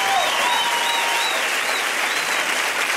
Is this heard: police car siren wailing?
no